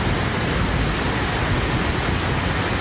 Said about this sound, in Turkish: İstanbul'da sabaha karşı başlayan yağış kısa sürede etkili oldu. Sağanak pek çok ilçede caddeleri doldurdu.